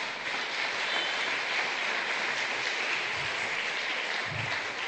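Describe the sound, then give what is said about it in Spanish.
A church audience claps steadily and densely for several seconds in praise of the Lord, a sustained wash of applause with no voices standing out, at an even level throughout. “Dale un aplauso al Señor porque Él es bueno.”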